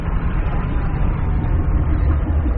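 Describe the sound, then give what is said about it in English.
A struggling engine gives off a dense, low rumbling drone that churns steadily for a couple of seconds with slight uneven fluctuations, loud and alone with no voices. “Sounds like the engine failing.”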